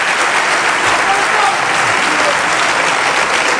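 A crowd applauds as a greeting to Ceuta: steady, dense applause, loud and continuous throughout with no pauses, a broad wash of clapping that holds the same level from start to finish.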